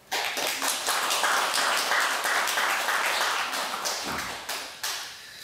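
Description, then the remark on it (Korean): A crowd applauds the abbot and the monks holding duties, clapping steadily for several seconds, a dense patter of many hands clapping at once, loud and sustained before gradually thinning out near the end. “다 해준 주지스님과 우리 소임자 스님에게 우리 박수 한번 쳐주시기 바랍니다.”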